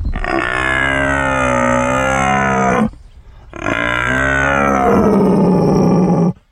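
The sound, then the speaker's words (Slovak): A person imitates a rutting stag, broadcast live from the garden of the Technical University in Zvolen, with two long, loud, drawn-out roars, each about three seconds. The calls are deep and rough with a strong moaning tone, separated by a brief pause. “Poďme si teda ešte vypočuť nejaký hlas divočiny v priamom prenose, priamo tu v záhrade Technickej univerzity vo Zvolene.”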